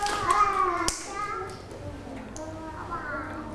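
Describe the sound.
A few scattered, uneven hand claps from children pop out amid lively kids' voices chattering nearby, the claps sharp and brief rather than a full round of applause.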